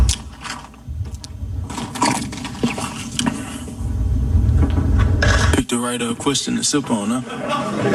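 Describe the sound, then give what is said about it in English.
Ice cubes rattle and clink against a glass in a quick, uneven series of sharp taps over a low rumble for several seconds, then a voice starts talking. “And just so you understand, if I'm not mistaken, you're going to hear a sound effect with no words initially, and the sound effect is the ice shaking.”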